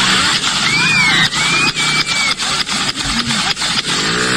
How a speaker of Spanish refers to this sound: Y sucede esto que ustedes van a escuchar. Lo voy a poner de nuevo. Escuchen bien, eso es track, track, track, track, track, track, track. Tira. Balas.